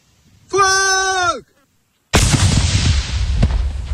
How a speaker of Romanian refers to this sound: Este momentul în care drona găsită pe un câmp din Luncavița, județul Tulcea, a fost detonată. Un localnic a descoperit aparatul de zbor în timp ce muncea pe câmp.